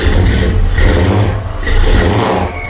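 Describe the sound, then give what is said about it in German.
A powerful car engine revs loudly, its deep throaty roar swelling and easing in a couple of surges, with the rough, rumbling character of an old vintage motor. “Ja, das hört sich nach einem richtig gut motorisierten Auto an, fast wie so ein Oldtimer.”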